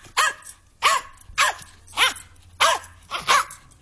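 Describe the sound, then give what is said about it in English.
A dog barks six times in a steady, evenly spaced series, each bark sharp and fairly loud, with no one talking. “5 letters in the name of this dog.”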